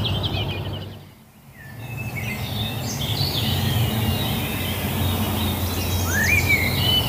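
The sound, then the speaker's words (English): A blackbird sings clear, fluting phrases at dawn with short pauses, ending in a higher twittering flourish, over a steady low rumble of traffic in the background. No one speaks. “Blackbird. Lovely clear blackbird there, yeah.”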